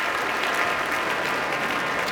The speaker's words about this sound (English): Now all of the musicians of the Boston Symphony standing to receive a very enthusiastic applause as La Mer is one of those pieces you want to hear this orchestra perform.